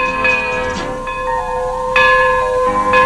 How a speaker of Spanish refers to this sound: ¡Ay, Chihuahua, qué ruidazo! ¿Qué es eso? Es la campana de la torre dando la hora.